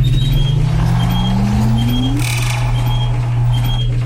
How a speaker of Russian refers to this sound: Уважаемый лифт, ну тогда везите нас в подвал. Осторожно, двери закрываются.